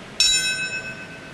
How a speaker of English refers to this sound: The sound of a single bell at 9:03 last hour, the moment 25 years ago when United Airlines Flight 175 crashed into the South Tower of the World Trade Center, 17 minutes after American Airlines Flight 11 crashed into the North Tower.